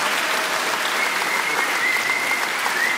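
An audience claps steadily, a dense, even patter of many hands at constant loudness throughout, with no talking and a faint high whistle-like tone drifting in the background.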